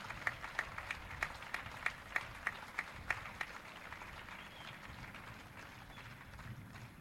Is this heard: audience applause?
yes